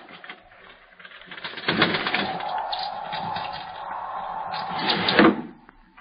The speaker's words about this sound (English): It was a bird. What kind, I could not tell. The wind must have driven it to shelter on the sill.